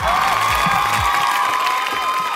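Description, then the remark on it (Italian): A burst of canned applause mixed with crowd cheering, played as a virtual applause effect by the technician pressing a button, plays loud and steady for a couple of seconds, a dense wash of clapping and voices with no one speaking over it. “Mi merito un applauso virtuale, schiacciato un tasto del tecnico.”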